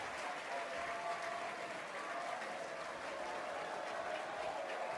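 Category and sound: crowd, baseball crowd cheering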